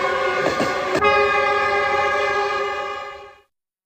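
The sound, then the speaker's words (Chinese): A train bound for Guizhou, China, sounds a long, loud, steady horn blast over rumbling rail noise, with a couple of clanking bursts early on, before the sound cuts off abruptly near the end. “刘家母子当即动身搭乘火车赶赴贵州”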